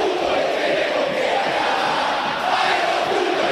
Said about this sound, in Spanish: Bueno, bueno, hay penales en el Monumental. La gente está con bronca igual, ¿eh? Ahora grita, pero la gente está con bronca. Escuchá.